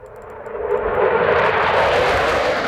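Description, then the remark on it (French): A loud military jet aircraft roars at the Chaolet air base in northern Lithuania, where NATO aircraft are stationed, 150 km from Kaliningrad; its broad rushing engine noise swells over the first second and then holds steady and powerful, with no voices. “Virginie Pironon est sur la base aérienne de Chaolet où stationnent les avions de l'Alliance Atlantique”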